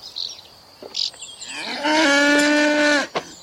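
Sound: cow mooing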